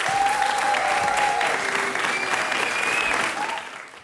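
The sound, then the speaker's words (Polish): Sustained applause from an audience after a folk concert at Polish Radio's Studio S3 in Warsaw, during the 27th Nowa Tradycja Folk Festival. The clapping is dense and steady, with a few faint whistles and tones above it before it tapers slightly at the end. “Wspaniały zespół. Wielkie brawa.”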